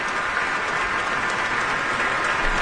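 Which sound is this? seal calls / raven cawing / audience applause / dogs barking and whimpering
audience applause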